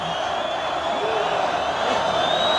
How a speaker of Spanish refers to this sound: Oreja, oreja. Oreja. Sí. Y el público pide la segunda. ¿Quién quiere otra? El público que pide la segunda oreja.